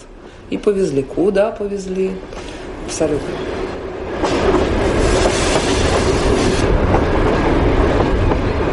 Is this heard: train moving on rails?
yes